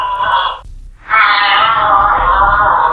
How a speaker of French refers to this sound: Comme le renard, mais volant. C'est un renard volant, en fait.